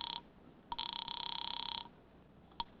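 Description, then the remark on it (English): A telephone rings for a call made from a phone booth, with a rapid, trilling warble: a short burst, then one long ring lasting about a second, and a brief clipped fragment at the end. It sounds fairly quiet, with no voices. “There's a phone booth near the door.”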